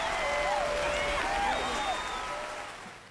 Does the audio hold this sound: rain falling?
no